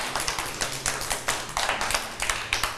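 A small group claps their hands together in a quick, uneven burst of close, sharp claps that runs steadily for a few seconds without any talking.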